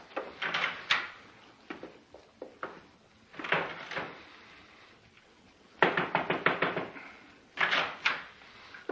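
A door is opened and shut several times, each time with a quick cluster of sharp clicks and clunks from the latch and frame. Short quiet gaps separate the bursts, and nobody speaks.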